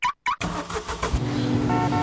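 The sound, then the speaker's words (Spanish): A car engine cranks in a couple of short bursts with brief pauses, then catches and settles into a steady running hum that builds slightly as it pulls away. No voices. “Sácanos a pasear en tu auto.”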